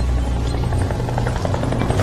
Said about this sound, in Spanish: Ok. Es el helicóptero.